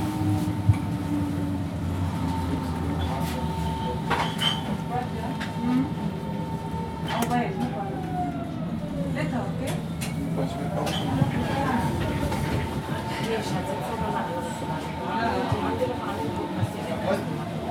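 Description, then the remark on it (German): An S-Bahn commuter train runs steadily, its continuous low rumble and whining motor tones filling the space, with faint voices murmuring underneath. “Ja, für die S-Bahn.”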